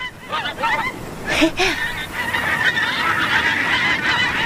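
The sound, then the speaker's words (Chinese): A goose honks several times in quick succession, loud, over a steady wash of background noise that sounds like wind or rushing water. “曲项向天歌，白毛浮绿水，红掌拨清波。”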